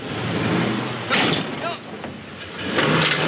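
A car engine runs steadily, with a few brief surges and revs as the driver pulls the car out of a tight parking spot, over a rough background rumble.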